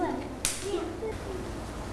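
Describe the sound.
A single sharp, loud hand clap rings out, followed by a softer one, over quiet murmuring children's voices and steady background noise.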